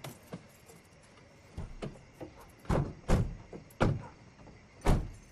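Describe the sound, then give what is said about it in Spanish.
A run of car doors opening and shutting with solid thunks, several close together, amid faint rustling and clicks in a quiet outdoor setting at night, with no talking, as a car stops in front of a house and a family gets out. “El auto se detiene y la familia se baja.”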